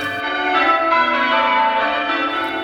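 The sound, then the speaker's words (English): Church bells rung by bell ringers one after another in a carefully organized sequence, their overlapping tones blending into a continuous, resonant peal at a fairly loud, even level with no voices. “To the trained ear, each bell is part of a carefully organized sequence.”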